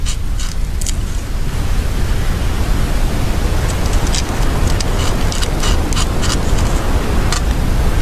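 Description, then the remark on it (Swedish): A beaver gnawing on a tree: irregular bursts of scratchy, crunchy chewing over a steady, loud rushing hiss, with clusters of rapid bites toward the second half. “Det är en bäver som gnager på ett träd.”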